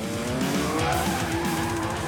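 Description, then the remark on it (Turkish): A car spins in tight circles doing donuts, tires skidding and squealing continuously, the engine revving loudly underneath, sustained throughout. “Donatlar bebeğim.”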